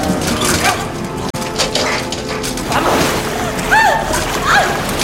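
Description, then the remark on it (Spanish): Loud, continuous rush of rising water sloshing and splashing, a dense churning wash with a sharp crack partway through and faint voices calling out for help over it. “El agua sube amenazando cubrirles.”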